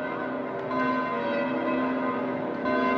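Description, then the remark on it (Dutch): Large church bells of St. Peter's Basilica peal continuously, their rich overlapping tones ringing steadily, with fresh strikes swelling the sound twice. No voices are heard. “En met die klokken van de Sint-Pietersbasiliek nog op de achtergrond.”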